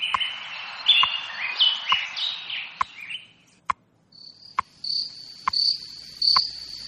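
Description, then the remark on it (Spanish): Birds chirp briefly, then crickets take over with a high, pulsing chirr repeating in steady bursts, while sharp ticks sound roughly once a second throughout, with no voices; the crickets serve as a radio time signal announcing nightfall at 9:37 p.m. in Madrid. “los grillitos de Radio Hora nos indican que anochecerá a las 9:37 minutos de la noche”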